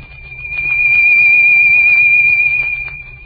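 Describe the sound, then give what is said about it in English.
A single high, steady whistle demonstrating how a sound wave rises and swells, holding one pitch while swelling gradually louder, peaking in the middle, then easing off again, with a faint low rumble underneath and no talking. “A sound wave will rise and swell something like this.”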